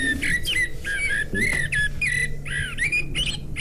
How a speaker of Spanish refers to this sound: O sea que si se escucha, o sea, este sonido, es que es la una, ¿no? Eso es, uh-huh. Es el mirlo